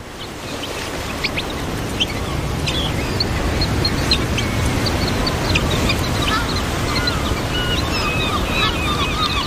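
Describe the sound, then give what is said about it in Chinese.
Steady roar of North Sea surf washing on a beach on the Belgian coast, with many high, short bird calls scattered over it, chirps and squawks from a flock of seabirds throughout. “从比利时的海岸看去，北海显得阴沉又灰暗。”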